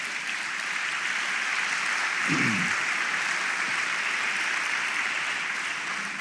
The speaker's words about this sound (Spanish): ¿Cuánto le damos una ofrenda de palmas al Señor?